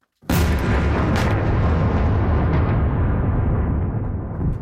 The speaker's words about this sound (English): Those are explosions in the Ukrainian capital shortly after the departure of U.S. peace negotiators.